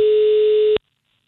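A telephone dial tone hums loudly and steadily for under a second as a phone call is placed on the radio show Energyn iltapäivä, then cuts off abruptly into silence. No voices are heard.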